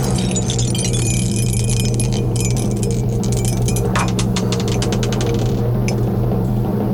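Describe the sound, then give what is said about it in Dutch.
Dice rattle in a dice cup in a basement with a rapid flurry of bright clicks, then a few scattered taps as they tumble out and land showing a one, over a steady low hum. “Ik ga hier naar de kelder, want daar staat mijn dobbelsteenbekertje.”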